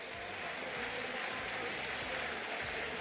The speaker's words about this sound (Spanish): Se retira Boca, se retira Central Córdoba. Los aplausos en la Bombonera para el Xeneize.